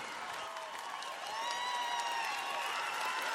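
An audience claps steadily and densely for a few seconds, the applause growing slightly louder midway, with thin whistle-like tones threading through the crowd noise.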